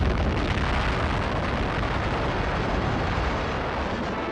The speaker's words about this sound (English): Army cameras 6 miles away record the historic explosion. 1945年7月16日，星纪元的曙光洒向世界。人类步入了核能时代，在新墨西哥州东南部的霍纳达德尔穆托沙漠，人类首次成功引爆原子弹。